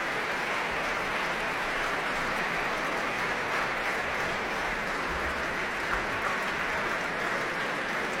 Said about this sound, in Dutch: Dima Slobodenjuk dirigeerde het Concertgebouworkest en we hoorden de symfonie in drie delen van Igor Stravinsky. En applaus hier ook voor Ramon van Engelenhoven op piano en voor harpiste Petra van der Heijden.